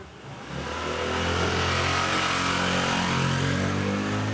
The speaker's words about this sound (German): Enge Gassen, jeder hängt seine Wäsche raus, überall fahren Motorradfahrer.